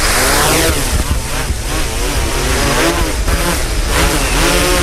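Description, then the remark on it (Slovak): A drone resting on a takeoff surface, connected to its remote controller, spins up its propellers into a loud, steady buzzing whine, the motor pitch sweeping and wavering as the rotors rev, with no voices heard. “Takže máme prepojenie s bezpilotným lietadlom, štartujeme vrtule.”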